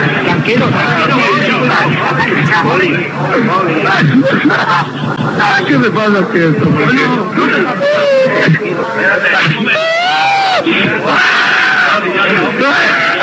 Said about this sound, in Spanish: No, vamos a ver, porque están quitando las espinilleras y las vendas del pie. Y está llorando.